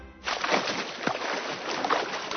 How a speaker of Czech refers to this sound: Je, slyšíte to? To je voda! Co to je, tamhleto? Zajíček si jako první všiml velkého, tlustého, ve vodě se rochnícího zvířete.